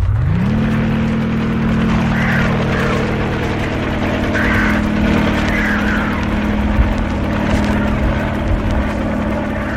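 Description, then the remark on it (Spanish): A helicopter, flying low over palm trees and heading toward the jungle, has an engine that whines up to speed in the first half second, then holds a loud, steady, low droning roar with a constant mechanical hum throughout, with no voices. “El helicóptero reanuda su vuelo al ras de las palmeras, internándose de nueva cuenta hacia las selvas, rumbo al refugio del astuto señor Hassim.”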